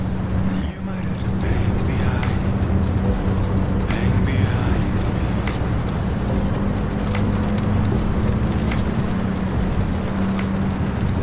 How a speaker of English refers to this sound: The rain effect is pretty good. Like on the windshield.